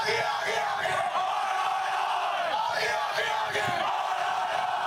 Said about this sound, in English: Suddenly, the whole crowd participates in this call and response. It's a strange experience of coordination.